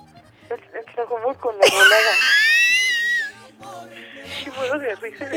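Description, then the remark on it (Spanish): A caller on the phone to the radio station La Que Buena 97.1 lets out a loud, high-pitched scream mid-clip, showing how one screams in Tlajomulco. It holds for nearly two seconds, wavering and then cutting off, with bits of talking just before and after it. “¿Y cómo se supone que gritas en Tlajomulco?”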